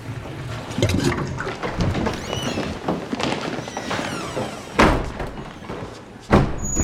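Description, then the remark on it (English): Busy public lavatory marked Gentlemen, with men standing in lines outside cubicles: running and flushing water fills the background while doors thud and bang, with two loud slams standing out near the end. “Inside, Harry and Ron, minus Hermione, join the men who are standing in lines outside cubicles.”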